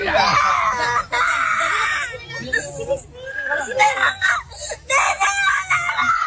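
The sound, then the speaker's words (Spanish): A young girl wails and sobs loudly in a tantrum, long high-pitched cries breaking into shorter choppy sobs and gasps, nearly continuous. “Oye, pero llorando, wow, está haciendo berrinche.”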